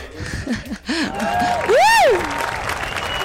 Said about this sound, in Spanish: ¡Bravo! Unos aplausillos